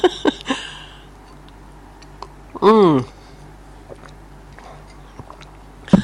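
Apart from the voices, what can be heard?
sipping coffee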